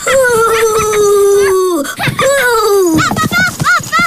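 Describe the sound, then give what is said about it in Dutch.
A voice in the children's show Woezel & Pip imitates a ghost's wail: two long, loud, sliding 'ooo' tones drift downward, then break into shorter wavering, warbling cries. “En zo ben ik een spook.”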